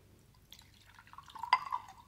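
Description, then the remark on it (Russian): Water trickles into a glass for about a second and a half, a faint splashing with a rising liquid tone and a light clink of glass, with no one speaking. “Успокойтесь. Выпейте воды.”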